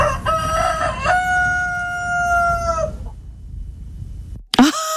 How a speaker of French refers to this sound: Mais là, c'est quoi ça? C'est pas une poule, hein? Non, non, c'est l'autre. Allez, on le réécoute. Bah oui, c'est un coq. Voilà.